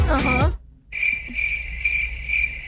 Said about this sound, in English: But whole lot of crickets.